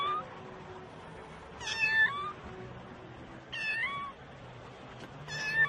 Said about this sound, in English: Hier ist eine Katze. It's a cat, ist hier. Oh, so eine kleine Katze.